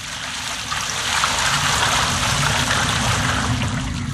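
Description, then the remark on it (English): Water pours steadily from four large jars onto an offering and wood, a continuous, splashing rush that swells slightly after the first second and holds for about four seconds, fairly loud, with no voices. “Then he said to them, Fill 4 large jars with water and pour it on the offering and on the wood.”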